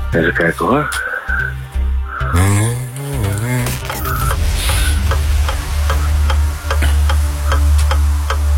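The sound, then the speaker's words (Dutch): A game timer clock ticks steadily in quick, even beats, starting after a few seconds and continuing to the end, with voices talking and a short melodic phrase over the opening. “het klokje loopt al.”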